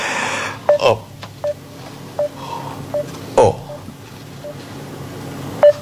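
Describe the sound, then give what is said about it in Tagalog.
A series of short electronic beeps, like phone keypad tones, as a cellphone is dialed, sounding at irregular intervals over a low background hum, with a couple of brief louder bursts between them. “Tawagan kong cellphone niya.”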